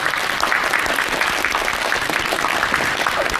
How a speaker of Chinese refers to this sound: 让我们掌声有请。